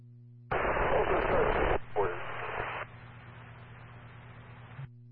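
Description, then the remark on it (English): A burst of harsh two-way radio static on a transmission from Falls Village Car 3, loud and hissy for over a second, then a crackling transmission that fades into a quieter steady hiss before cutting off abruptly. “West Falls Village Unit, heavy static, go again.”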